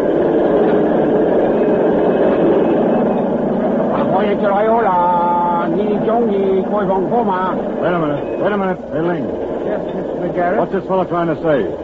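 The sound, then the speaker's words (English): A work train with supplies rumbles steadily and continuously at moderate volume as it arrives across a river at a railway bridge construction camp in South China, a low mechanical drone that persists throughout while several people talk over it. “Work train with supplies has arrived across river.”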